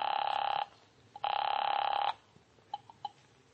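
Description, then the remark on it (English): A telephone rings twice on the line as someone places a call, each ring a steady warbling electronic trill lasting under a second, followed by near silence with a few faint clicks. “So I found a phone and called Jack Stacy.”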